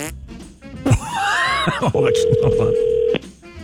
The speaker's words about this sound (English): We've chosen our random winner. Cool. And we'll make a phone call.